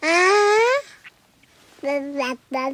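A baby babbles: one long, drawn-out rising vowel, a brief pause, then two short chirpy syllables, high-pitched and clear with nothing else going on behind it.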